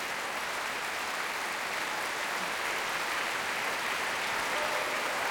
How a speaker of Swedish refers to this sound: Ensemblen har satt sig ner och publiken applåderar.